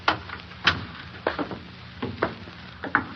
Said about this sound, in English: You see, it's unlocked as he left it. Close the door behind you, Colonel. Very well.